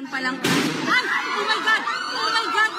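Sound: gunshots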